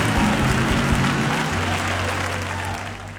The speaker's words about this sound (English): Come on, clap your hands and let's bless God.